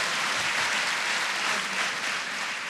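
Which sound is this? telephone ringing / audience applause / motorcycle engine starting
audience applause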